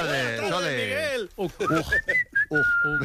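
After a moment of someone's voice, a person whistles a few short, clear notes, the steady tones broken into brief bursts with tiny gaps between them.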